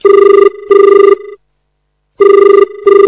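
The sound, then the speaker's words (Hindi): A telephone rings with an incoming listener call to a radio phone-in programme on Akashvani Sagar: two paired electronic trill bursts, a pause, then another ring starting, steady and fairly loud with no voices. “आज हम इसी मुद्दे पर अपने श्रोताओं से बातचीत करेंगे और हमारे पास फोन कॉल आने शुरू हो गए हैं। आइए लेते हैं ये पहला फोन कॉल।”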